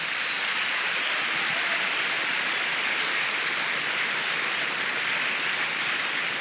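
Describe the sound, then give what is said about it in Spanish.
An audience claps their hands for the Lord steadily for several seconds, a dense, continuous wash of many overlapping claps at an even, loud level with no voices audible. “Dele palmas al Señor.”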